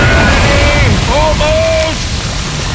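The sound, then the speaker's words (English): Loud, continuous wash of water surging and splashing as waves slap around a rowing boat being rowed toward shore, with a faint voice sounding through the churning noise. “I'm pulling as fast as I can, but the waves! Another wave.”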